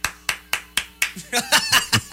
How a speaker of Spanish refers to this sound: Que estoy aplaudiendo.